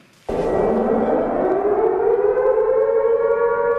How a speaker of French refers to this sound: À Kiev, les alertes aériennes retentissent en permanence au-dessus de la ville.